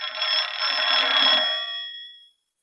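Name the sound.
telephone ringing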